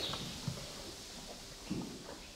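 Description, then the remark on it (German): Hooves of horses just arrived in the stable of a horse-carriage business on a car-free East Frisian island clop on a hard stable floor as their horseshoes are checked, a few distinct knocks spaced irregularly over steady background hiss, moderately loud, with no one talking. “alle im Stall angekommen. Jetzt checken wir erstmal, ob alle Hufeisen noch drunter sind.”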